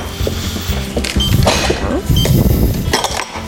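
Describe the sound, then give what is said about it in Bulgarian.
Metal utensils clink against a pan, then marinated chicken is tossed into the frying pan and a loud, hissing sizzle swells up in two bursts, with scattered clatter over a steady low hum. “Взимам само ножчето и мятам и пилето на тигана.”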